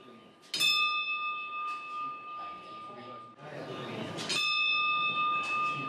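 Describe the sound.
A bell at a temple entrance rings out twice, about four seconds apart, each strike clear with a long, shimmering ring that lingers over a murmur of people talking.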